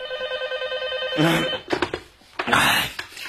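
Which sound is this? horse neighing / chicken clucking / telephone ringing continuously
telephone ringing continuously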